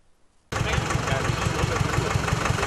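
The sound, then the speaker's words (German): A tractor engine, among decorated tractor-trailer rigs at the fairground in Hartmannsdorf in early September, cuts in abruptly and idles loudly, its low diesel chugging pulsing in a steady, even rhythm over a dense mechanical rumble. “Auch in diesem Jahr füllte sich Anfang September der Festplatz in Hartmannsdorf mit geschmückten Traktorgespannen.”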